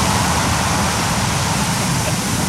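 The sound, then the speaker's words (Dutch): A loud, steady, powerful roar of rushing water pours continuously, with a deep rumbling low end and no speech: water released down the back slope of a dike in a test, flowing at about 10 meters per second at the dike's toe. “Dus aan de teen van de dijk gaat het water 10 meter per seconde.”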